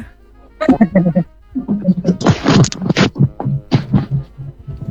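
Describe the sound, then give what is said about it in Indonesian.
Two people cough in several harsh, breathy bursts in quick succession, mixed with bits of voiced sound, with a low steady hum underneath. “ada dua orang ini yang batuk di sini.”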